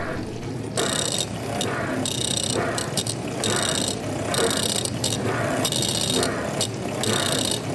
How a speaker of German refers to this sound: Und jetzt stelle ich noch ein Mikro direkt vor die Spülmaschine, damit man die noch besser hört. Ja, das klingt doch richtig gut. Okay, alle bereit? Die Spülmaschine groovt schon mal. Und der Mixer dazu.